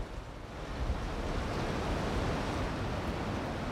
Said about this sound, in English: A little windy right now.